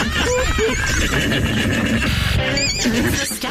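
A horse whinnies loudly, a shrill, quavering neigh that rises and falls over a few seconds, with no one talking.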